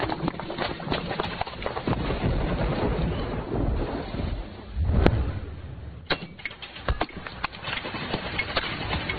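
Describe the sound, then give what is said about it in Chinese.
Steady rain pours down with dense patter and sharp drips and splashes, swelling briefly into a heavier low rumble midway before settling back into a continuous downpour. No one speaks. “哎呦，是怕啥就来啥，说下雨就下雨啊。”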